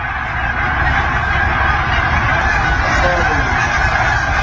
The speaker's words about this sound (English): He said he heard that for 10 minutes straight as our Canadian geese going south for the winter.